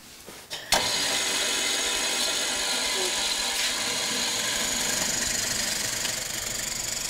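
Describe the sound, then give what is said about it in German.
A drill switches on abruptly after a brief quiet moment, then runs continuously drilling holes with a loud, steady, dense mechanical whir and grinding noise until the end. “Mach mal ruhig runter den Bohrer und dann könnt ihr das hinschieben. Und dann, wenn das richtig liegt, dann macht ihr die Maschine an.”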